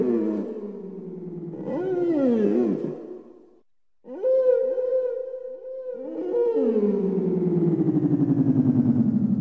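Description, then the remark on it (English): Southern right whale song: a series of low, drawn-out moans and rising, wavering calls with rich harmonics, one brief pause midway, then a long, loud groaning call. “You might even, if the night is quiet and still, hear them talking to each other with whale song.”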